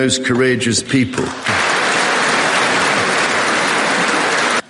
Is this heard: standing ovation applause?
yes